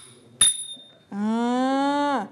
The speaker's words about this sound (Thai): ต่อไปเครื่องตีนะคะทำจากโลหะนั่นก็คือฉิ่งนั่นเองลองตีสิคะระวังนิ้วนะคะตีให้เกิดเสียงโอเคเด็กๆตีเลย